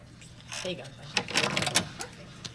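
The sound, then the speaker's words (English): A hotel room door lock, room 411, clicks and rattles as a key is touched to it and the door is unlatched and pushed open, a quick cluster of mechanical clacks and scrapes, with a brief murmur of voice just before. “He takes his key and touches it to the door lock.”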